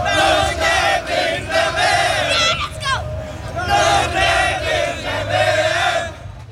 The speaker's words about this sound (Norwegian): Det er ikke bare norske fans i USA som feiret seieren. Over hele Norge var folk ute i gatene og jublet over Norges historiske VM-åpning.